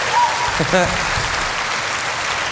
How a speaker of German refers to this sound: einen Applaus